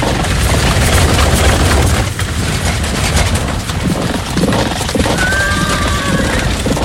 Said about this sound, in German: Und kurz darauf rasselten donnernd 600 der besten Kampfwagen aus der Stadt nach Osten.